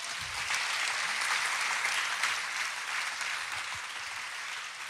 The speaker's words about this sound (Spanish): Eso merece un aplauso para Dios.